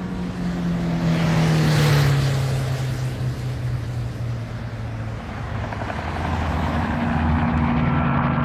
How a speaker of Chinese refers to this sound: 驾驶员问也不问，默契地发动车子，飞速朝着明故宫机场驶去。